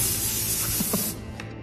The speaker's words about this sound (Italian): Spruzzate leggermente fuori dal naso tutto quello che avete compresso in modo fastidioso. Dal naso. Fuori. Fuori. Fuori ogni pensiero negativo.